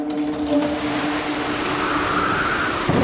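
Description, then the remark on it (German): A storm outside: steady, loud rain roars across the whole clip as a dense wash of hiss, with a low rumble of thunder underneath. No one speaks. “Die Mitarbeiter brauchten ihn. Draußen. Im Sturm.”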